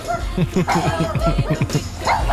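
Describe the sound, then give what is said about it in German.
A voice imitates a dog sliding down a slide, producing a rapid run of close, pitched yips and whoops that rise and fall, with a chuckling quality. “So tut ein Hund, wenn er die Rutschbahn durchabrutscht.”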